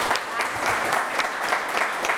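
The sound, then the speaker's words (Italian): A big round of applause: dense, steady clapping from many hands filling the whole stretch at an even, loud level, with no voices over it. “Un applausone.”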